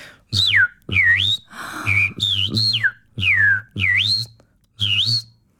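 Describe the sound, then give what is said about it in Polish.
A person whistles an imitation of a starling's buzzing call, a new whistling technique modelled on the starling: about seven short, swooping whistled phrases rising and falling in pitch, each with a raspy, buzzy undertone, loud and unaccompanied. “Ostatnio też, to chyba było właśnie przed ostatnimi mistrzostwami, ale wpadłem, dosłownie dzień przed tym, wpadłem na pomysł nowej techniki, którą można wzorować na przykład szpaka.”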